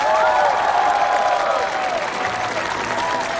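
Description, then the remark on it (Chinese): An audience applauds steadily, welcoming the first group of the Cliff Village women's model team in Miao embroidered costume onto the stage, a dense wash of clapping that stays loud and even throughout, with a faint murmur of crowd voices mixed in. “现在用我们最热烈的掌声欢迎第一组悬崖村娘娘模特队登场。”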